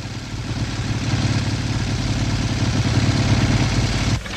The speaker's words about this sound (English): A policeman pulls up on a motorcycle.